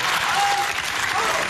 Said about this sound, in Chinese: 再来一回。 再来。 掌声接一下。